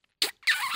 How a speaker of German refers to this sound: Das klang wie ein feuchter Pups. Aber naja, ey, so unterschiedlich ist das. Ein feuchter Schmatzer und ein süßer Schmatzer.